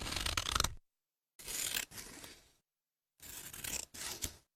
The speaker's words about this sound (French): Et un bruit que j'aime bien, c'est les ciseaux qui coupent du papier.